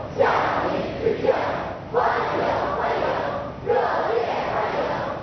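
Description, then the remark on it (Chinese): Young people lining both sides of the ceremonial road outside the north gate of the Great Hall of the People cheer and shout greetings in unison as July 1 Medal recipients arrive, their voices rising in three loud, rhythmic bursts roughly every couple of seconds with a steady crowd roar between. “人民大会堂北门外，礼宾飞列道路两侧，青少年热情欢呼致意。”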